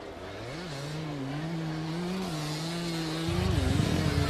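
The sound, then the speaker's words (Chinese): A motorcycle engine runs steadily as a group sets off by motorcycle, a droning hum that wavers slightly in pitch before a rougher, louder rumble kicks in near the end. No one speaks. “编组完成之后乘摩托车出发。”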